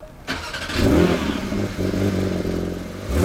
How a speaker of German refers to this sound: Ein Auto, ein Startgeräusch, der legendäre 911er aus dem Hause Porsche.